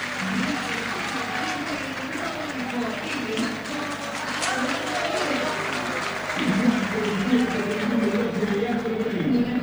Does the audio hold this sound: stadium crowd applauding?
yes